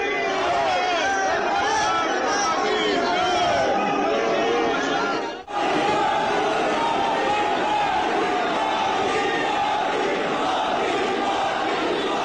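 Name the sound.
crowd chanting slogans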